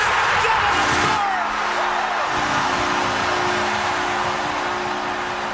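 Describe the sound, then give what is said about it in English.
The Flames hockey goal horn blares deep and steady for several seconds over the roar of a cheering arena crowd, its low droning tone holding without a break. “And to prove it, here's what the Flames goal horn sounds like.”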